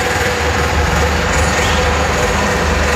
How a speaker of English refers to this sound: The jackhammer goes to work. We'll have another brick in the wall when fans return next Saturday against the Red Bulls as we count the goals with bricks here at Scotts Miracle-Gro Field.